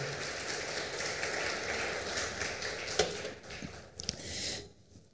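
An audience claps at a preacher's request during a sermon, a dense, crackling wash of applause that holds for about four seconds before tapering off abruptly; no one speaks over it.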